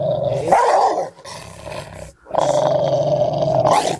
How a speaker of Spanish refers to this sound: No es para atemorizarte, pero si un día andás caminando por una calle desconocida y se aparece un perro que te ladra y se te acerca cada vez más hasta morderte la pierna, Dios no lo permita,